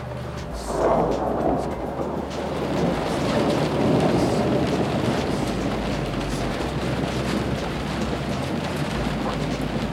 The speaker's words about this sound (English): I think when we stop seeing the lightning and the thunder, then we'll get waves.